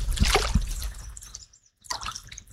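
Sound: river water flowing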